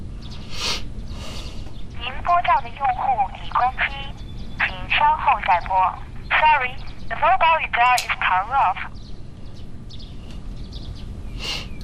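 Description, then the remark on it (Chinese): A phone call is being placed to a mobile phone that turns out to be switched off: a run of bright, warbling electronic tones in short clustered bursts, repeating for several seconds over a low steady background hum. “你不用担心，一会我打电话试一试，有什么消息跟你说，好吧？”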